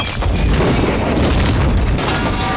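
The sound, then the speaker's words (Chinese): A loud bomb explosion: a deep booming blast that rolls into a sustained, roaring rumble of debris and noise, with no voices. “这个炸弹只是一个警告，是警告你，他能接近你。”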